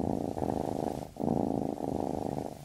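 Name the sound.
cat purring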